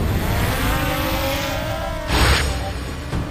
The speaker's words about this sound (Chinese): 在他吃肉的这个过程中，我们把那个无人机起飞好，然后把它停留在空中，等待它起飞。